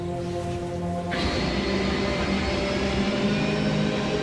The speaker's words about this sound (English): At 6:12 in the evening, Flight 123 takes off, heading for the industrial city of Osaka, 400 kilometers to the west. It's filled almost to capacity, 509 passengers and a crew of 15.